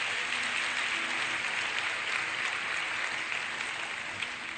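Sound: applause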